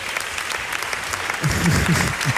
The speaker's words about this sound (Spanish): Bueno, un aplauso final, ¿no? Por favor.